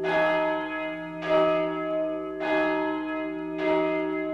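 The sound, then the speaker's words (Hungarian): A large church bell tolls steadily, about four strikes spaced a little over a second apart, each rich ringing tone overlapping the long hum of the last. No voices, fairly loud. “A következőkben harangszó rovatunkat hallhatják”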